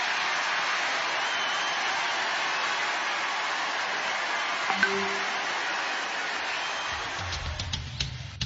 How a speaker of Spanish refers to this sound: Y pues tuvo esta ovación en la Convención Republicana en Dallas, Texas, el vicepresidente de los Estados Unidos.